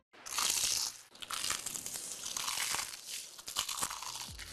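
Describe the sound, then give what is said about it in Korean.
A loud crunchy bite into crispy fried chicken coated in crumbs (Keukeukeu Chicken), followed by a stretch of dense crackling and crunching chews with sharp crisp snaps, no talking. “크럼프를 입혀 크런치하고 크리스피하다. 크크크 치킨 바삭함의 끝판왕.”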